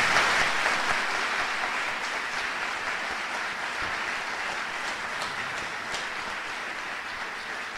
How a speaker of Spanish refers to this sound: Vamos a darle un fuerte aplauso al Señor Jesucristo.